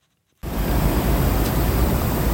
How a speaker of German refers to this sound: So klingt sie, die Abkühlung mitten in der Stadt. Eine Sprinkleranlage, zwei Metallröhren in einem schönen Bogen aufgestellt, sprüht feine Wassertropfen auf alle, die vorbeikommen. Kurtyna Wodna heißt das in Polen wörtlich Wasservorhang.